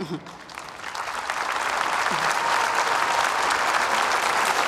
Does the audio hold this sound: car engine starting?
no